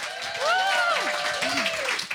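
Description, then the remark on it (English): An audience at the JJO Sound Lounge applauds steadily for a couple of seconds, dense clapping filling the space, with a few voices calling out or whooping above the applause. “I noticed you weren't clapping, madam.”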